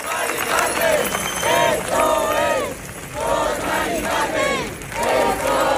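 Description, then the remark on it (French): Thousands of people in Spain chant the name of Maria del Carmen Abascal in loud, rhythmic unison, the same short phrase rising and repeating about every second and a half, with brief dips between calls and a steady roar underneath. “Ils sont des milliers depuis mercredi à crier le nom d'une femme qu'ils n'ont jamais rencontrée.”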